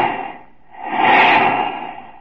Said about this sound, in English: Then comes flight time and the sound of planes, great multimotor giants. And the whoosh, whoosh, whoosh as you watch the jets go by.